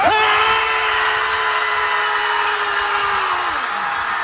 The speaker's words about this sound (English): Over 1,000 people gathered at a beach in San Francisco so they could scream at the ocean. They could think about anything bad in their life and just, well, let it all out. On 3, 2, 1.